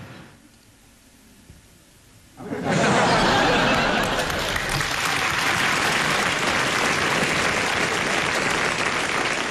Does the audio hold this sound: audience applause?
yes